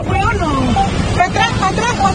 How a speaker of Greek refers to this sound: Λεωφορείο γεμάτο έντρομους επιβάτες παρασύρεται από τη δύναμη του νερού. Επικρατεί πανικός.